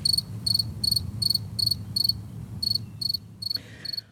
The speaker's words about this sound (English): So let me actually then get to a modern day cricket sound. Just so for folks who don't remember, here is what crickets today sound like.